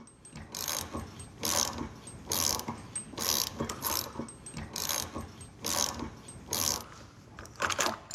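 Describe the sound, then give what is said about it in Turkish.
Repeated metallic grinding and scraping bursts, roughly one per second, as a worn wheel bearing is worked out of the hub of a Porsche car, with a ratcheting, gritty texture and no talking. “Sıra rulmanı merkezden sökmekte.”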